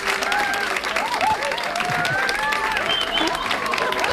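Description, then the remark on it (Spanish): A studio audience of about 40 people applauds steadily for about four seconds, a dense wash of clapping with scattered whoops and cheering voices rising above it. “Pero hombre, que se note que están aquí, que son, yo qué sé, serán 40 y tantos, y que den un aplauso, ¿no?”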